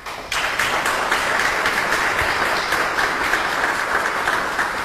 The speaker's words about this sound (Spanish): Quiero pedir un fuerte aplauso para usted